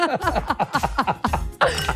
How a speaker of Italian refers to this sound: Sì, questo rumore qua è quello del ghiaccio nel bicchiere.